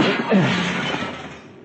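A loud crash of window glass being smashed with a chair, 50 stories up: a sharp burst followed by a bright, crunching shatter that rings on and tapers off over a second or so.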